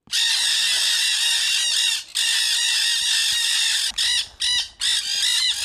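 A flock of nanday parakeets (black-headed conures) at an aviary screeches loudly and continuously, harsh overlapping calls filling the air with only brief gaps near the end.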